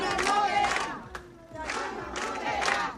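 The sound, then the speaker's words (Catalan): About sixty neighbours and club members of the Son Cladera neighbourhood of Palma shout together in unison at the doors of an evicted senior citizens' centre, demanding its reopening: two loud bursts of chanting separated by a brief dip, many voices overlapping in a rough, rhythmic protest cry. “Són els crits dels veïnats de Son Cladera, reclamen la reobertura d'aquest centre de la tercera edat que va ser desnonat, recordem, ahir, després de més de 3 anys de lluita dels veïnats.”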